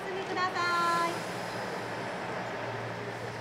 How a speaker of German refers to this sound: Wir nehmen die Noto Railway ganz im Westen Japans. Die kleine Privatbahn fährt entlang der Küste und entlang vieler, vieler Kirschbäume.